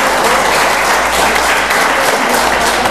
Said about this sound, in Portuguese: Aplaudam ao Senhor. Oh, aleluia!